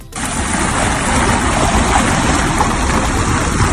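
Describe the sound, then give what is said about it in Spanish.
Seawater rushing and draining away as the sea level suddenly drops during a meteotsunami, a loud, steady, churning roar that fills the whole stretch without pause, with no voices. “La escena se enjabea frente al mar. Te cuento, de manera repentina, el nivel del agua baja considerablemente.”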